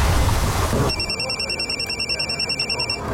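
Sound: telephone ringing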